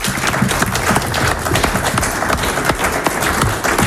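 A crowd applauds the winner of a card trick at a local radio event in Venard-et-les-Lômes, a dense, continuous patter of many hands clapping at once, fairly loud, holding the same level for several seconds with no voices.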